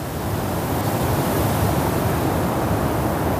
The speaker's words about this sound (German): Es wurde ganz still. Man hörte nur den Wind.